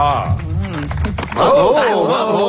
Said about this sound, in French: J'adore les petits applaudissements. Il y avait des applaudissements de golf.